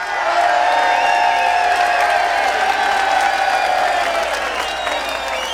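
A crowd at an event bursts into loud, sustained applause for a band, mixed with cheering, whoops and high whistles, holding steady for several seconds before easing slightly at the end.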